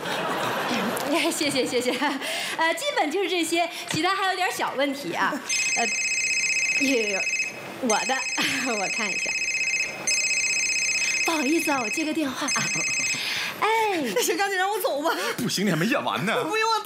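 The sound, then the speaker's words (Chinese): A phone rings in steady electronic bursts for several seconds, loud, while people keep talking over it and someone laughs. “不好意思啊，我接个电话啊。”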